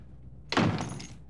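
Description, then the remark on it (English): A single door thuds shut, a sudden heavy impact that rings out briefly with a short, muffled decay before quiet returns. “Left your door unlocked.”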